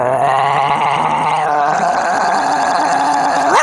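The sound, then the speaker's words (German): A person imitates a large dog's growl, a loud, continuous rumbling snarl held for several seconds, rising sharply at the very end, as the imitated dog gets bigger and bigger. “Der Hund wird immer größer.”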